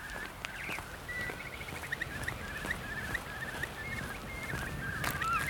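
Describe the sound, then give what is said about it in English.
A starling sings a busy, unbroken run of fluting whistles mixed with chirps and clicks, copying a blackbird's song, clear over a soft outdoor hiss. “Starling mimicking blackbird.”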